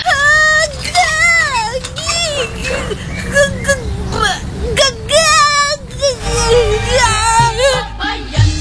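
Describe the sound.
A girl screams loudly in high, wavering bursts that rise and fall almost continuously for several seconds, frightened at being forced to get an injection, with other voices and a low rumble in the background.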